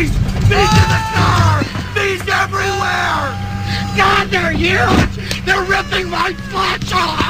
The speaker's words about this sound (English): When I stop the car, run out screaming.